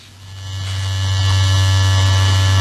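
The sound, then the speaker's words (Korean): A son's electric shaver buzzes steadily in the bathroom in the morning, swelling slightly louder after the first half second and holding a constant drone with no talking. “요즘도 아침이면 욕실에서 아들의 면도기 소리가 들립니다.”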